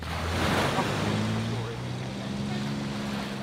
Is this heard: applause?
no